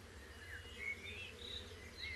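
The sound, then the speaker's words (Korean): A low, steady buzz of honeybees hums continuously as they gather nectar from flowers of an endangered echium in the Canary Islands, soft, with faint high-pitched chirps flickering above it now and then. “당연히 꿀벌들도 이 잔치에 초대받았죠.”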